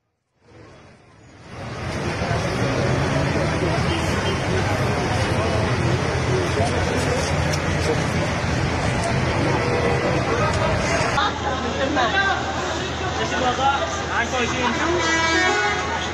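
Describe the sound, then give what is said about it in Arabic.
Continuous, loud street noise of cars moving through floodwater in the streets of Aleppo after heavy rain, with car horns tooting now and then and a hubbub of voices in the background. “في حلب مثلا غمرت المياه عددا من الشوارع ووصلت إلى المنازل والمحال التجارية، فيما واجه الأهالي صعوبة في الحركة والتنقل وسط ارتفاع مستوى المياه.”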